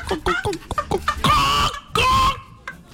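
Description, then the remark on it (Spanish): A person imitates a hen: a quick run of short, choppy clucks, then two longer, drawn-out squawking calls, voiced fairly loud. “No, yo hago la gallina.”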